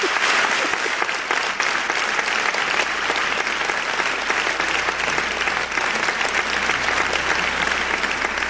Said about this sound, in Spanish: Pido un aplauso para ella.